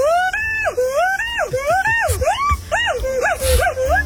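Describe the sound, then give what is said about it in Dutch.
A crested mangabey gives a rapid run of about a dozen loud, wavering calls, each sliding up and then dropping in pitch like a whining whoop, repeated in a quick uneven rhythm. “Nee, dit is de Kuif Maghabi.”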